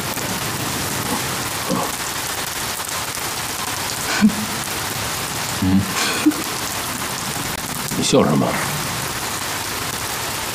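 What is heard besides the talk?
rain falling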